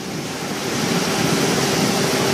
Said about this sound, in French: Ça fait du bien, ça. Ouais. Avec un petit vent.